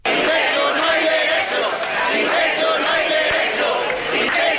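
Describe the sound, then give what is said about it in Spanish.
About a hundred protesters, called by the UGT and Comisiones Obreras unions to demand decent housing, chant and shout together outside the Balearic parliament in a steady, loud roar, many voices blending into rhythmic calls that continue without a break. “Un centenar de personas se ha concentrado a las puertas de la Cámara Autonómica convocadas por UGT y Comisiones Obreras para pedir una vivienda digna.”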